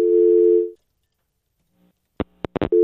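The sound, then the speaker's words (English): A steady electronic telephone line tone hums, cuts off into silence, then a few sharp clicks and pops sound before the tone returns. No one speaks. “It's ringing again? It's ringing.”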